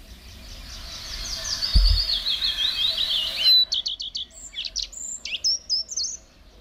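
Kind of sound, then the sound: bird, common redstart singing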